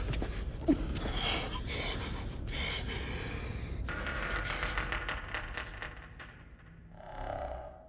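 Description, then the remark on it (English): Heavy, labored breathing and sharp gasps fill a tense scene from the film A Quiet Place Part 2, with a low, brooding score rumbling underneath and a brief sustained tone near the end; nobody speaks. “Okay, so you can hear something is happening, labored breathing, tense scoring, but you're left listening for clues, trying to assemble a picture in your mind from the fragments.”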